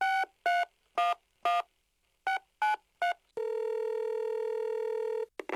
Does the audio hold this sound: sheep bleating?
no